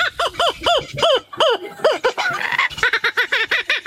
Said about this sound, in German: Den lachenden Hans hat er nachgemacht. Der klingt im Original so übrigens. Geiler Vogel, oder?